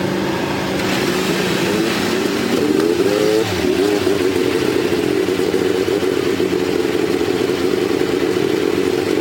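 A roar of many powerful race car engines firing up together at Indianapolis on the command to start engines, revving, with pitch sweeping up and down around three seconds before settling into a loud, steady rumbling idle.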